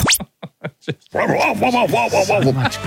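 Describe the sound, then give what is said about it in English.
A dog lets out a few short, sharp barks, then launches into a rapid, loud run of continuous barking and yelping. “Go the Bark one more time.”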